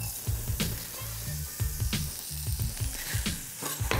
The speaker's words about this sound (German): So, wir haben jetzt hier unsere Schalotten in ein bisschen Butter angeschwitzt.